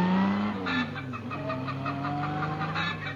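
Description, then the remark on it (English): A car engine drones steadily while a hen clucks repeatedly over it in short bursts, both fairly loud, with no talking. “The combined sound of an automobile and a hen was especially recorded for motoring enthusiasts who keep chickens.”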